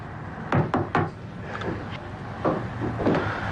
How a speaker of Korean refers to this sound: 진혜화가 2층 한목재 방으로 올라온다. 팔짱을 낀 채 창문을 마주하고 서있던 한목재가 노크 소리에 고개를 돌린다.